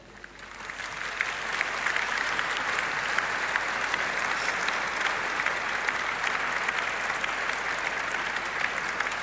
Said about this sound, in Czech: Krásný potlesk pro vás,